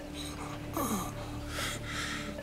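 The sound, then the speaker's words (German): Strained breathing of an ill man, with a sharp, wheezy gasp followed by a longer, rough, noisy breath, set against a steady low background hum. “Ganz ruhig atmen.”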